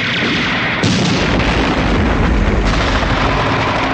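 Dense, continuous gunfire and booming explosions roar without pause, a loud wall of battle noise with sharp bursts layered over a deep rumbling low end, as men in helicopters shoot into a clinic building and a grenade is launched at guards.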